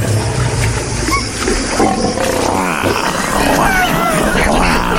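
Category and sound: animal, big cats roaring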